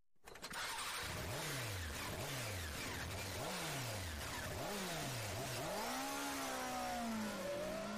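A motorcycle engine revs up through several gear shifts, pitch climbing and dropping in a repeated rhythm before holding a high steady whine, loud with no talking, in a radio advertisement for Motorrepuestos Guevara.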